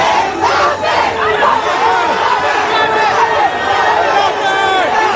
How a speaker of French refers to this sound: Des Bleus qui sont arrivés hier soir dans leur camp de base, l'hôtel Four Seasons de Boston, où ils ont été accueillis par une foule de supporters en délire.